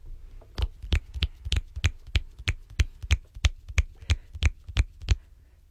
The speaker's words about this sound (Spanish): Chasquidos porque los aplausos son muy estridentes en los micrófonos.